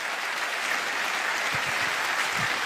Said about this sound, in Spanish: Si ese aplauso es para el Señor, tendría que ser mejor que eso.